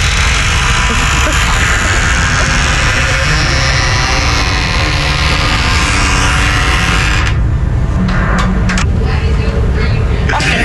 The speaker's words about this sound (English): Oh yeah, that's a new development. Yeah, it's amazing. It's gotten really loud now. Yesterday, I was killing myself. You went to the bathroom, like, you're like, what is that sound? I have a recording here for you. This is the door being opened.